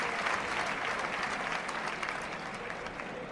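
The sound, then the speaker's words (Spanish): A big bullring crowd applauds steadily in an ovation for a bullfighter who comes out without cape or montera to salute. The dense clapping holds a constant, loud level with a faint murmur of voices underneath. “Qué gran ovación.”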